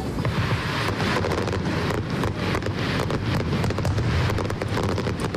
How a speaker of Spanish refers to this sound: Esta es la traca final de anoche de la pirotecnia uruguaya Supernova, que ayer se estrenaron y con éxito además en Bilbao.